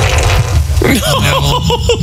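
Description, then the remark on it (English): A wet, sputtering fart: a low rumbling start followed by a quick series of about six squeaky, bending blurts, fairly loud and continuous for around two seconds. “That is a wet fart.”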